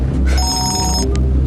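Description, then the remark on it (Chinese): A telephone rings with one bright, electronic burst lasting under a second, followed by a short high blip, over a steady low background rumble. “你电话， 赶快接电话。”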